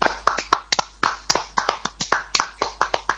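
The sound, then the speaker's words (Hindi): Sharp, loud claps arrive in a quick, steady patter for about three seconds, the bright smacks overlapping slightly like a small crowd applauding to welcome the young guest performers of the children's radio programme Bal Sansar. No voices can be heard. “स्वागत करते हैं हमारे कार्यक्रम में प्रस्तुतियों को प्रस्तुत करने वाले नन्हे मेहमानों का और इस कार्यक्रम को सुनने वाले सभी श्रोताओं का, इन तालियों की गड़गड़ाहट के साथ।”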